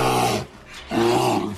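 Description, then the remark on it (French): A bear growls twice, loud: a deep rumbling snarl, a short pause, then a second, longer growl. No one speaks. “L'ours.”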